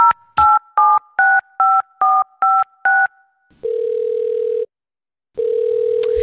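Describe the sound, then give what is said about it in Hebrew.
Eight quick dual-tone keypad beeps in a steady rhythm as a phone number is dialed from a radio studio, then a loud, steady telephone tone that stops, pauses, and starts again, with no one speaking. “ואנחנו נסיים עם המקום הראשון הישראלי החדש שלנו בשיחת טלפון.”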